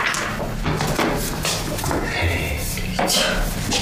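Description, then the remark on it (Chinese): Several dull knocks on a door at an uneven pace, each a short thudding hit with a hollow low body, repeating over a steady background murmur. “野蛮人学会敲门了，我知道是你，我绝对不会让你进。”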